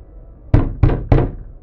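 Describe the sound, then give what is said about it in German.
Three heavy knocks on a wooden door, evenly spaced, each a dull thud with a short ring. No voices, just faint hiss between the knocks. “Wer ist da? Öffnet die Tür!”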